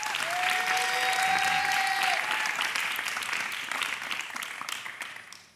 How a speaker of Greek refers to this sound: Αυτό ήταν ο χρόνος, ένα χειροκρότημα!